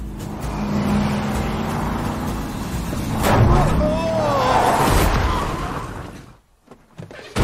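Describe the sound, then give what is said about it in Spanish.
A car engine revs steadily and loudly, its pitch swelling and sweeping midway, then cuts out abruptly near the end before a brief sputter, with indistinct voices mixed in. “¿Necesitas ayuda con el coche?”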